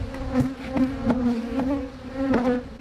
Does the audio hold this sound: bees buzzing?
yes